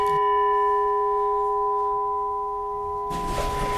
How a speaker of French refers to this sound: Alors c'est un gong birman, donc un son typique des gongs birmans qui rappelle les monastères du Birmanie.